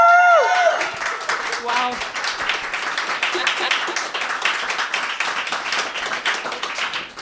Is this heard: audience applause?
yes